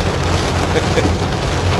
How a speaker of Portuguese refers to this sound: Ele mandou até o barulho da chuva aqui, ó. Vamos ouvir. Olha aí.